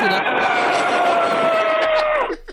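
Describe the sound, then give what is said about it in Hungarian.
A person buzzes air through pressed lips to imitate an elephant's trumpet: one loud, brassy, sustained blare of about two and a half seconds, its pitch sliding slightly lower before it cuts off. “Az elefántod zseni, az elefántod zseni, tényleg.”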